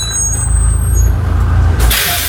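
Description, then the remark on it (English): A heavy school bus engine idles with a deep rumble, then a sharp, loud hiss of the bus's air brakes being released bursts out near the end, clear. “Oh, the air brakes. The air brakes being released. That is the sound.”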